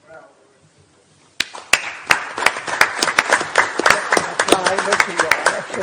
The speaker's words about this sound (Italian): Un applauso ci vuole al nostro presidente, diciamo, che ci sta.